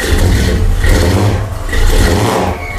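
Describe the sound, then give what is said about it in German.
A powerful classic car engine revs loudly, its deep rumble swelling twice in quick surges with no voices present. “Ja, das hört sich nach einem richtig gut motorisierten Auto an, fast wie so ein Oldtimer.”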